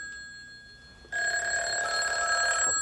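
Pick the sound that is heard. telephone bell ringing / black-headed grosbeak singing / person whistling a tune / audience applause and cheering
telephone bell ringing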